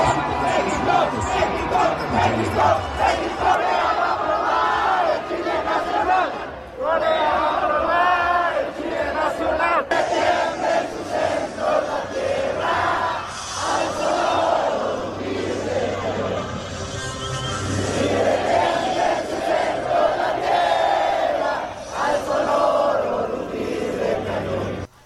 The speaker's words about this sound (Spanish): En punto de las 7 de la noche, … comenzó el abucheo a Corea, comenzando dando paso a la unión de voces en favor de México. Escuchemos.